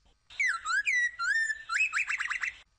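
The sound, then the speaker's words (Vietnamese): A person whistles a bird-like chirping call, a few sliding, warbling notes followed by a quick run of rapid trills, clear with no talking. “Con bắt chước tiếng chim kêu nhé. Chirp. Chirp.”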